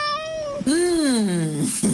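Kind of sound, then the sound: animal, cat meowing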